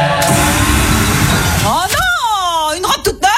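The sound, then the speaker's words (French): A battery-powered leaf blower, used in an advert to blow out birthday candles, runs with a steady, airy motor roar for about a second and a half, then cuts off as a person starts talking. “Pour les 100 ans de style, on s'est dit qu'on pourrait souffler nos bougies avec un souffleur à batterie.”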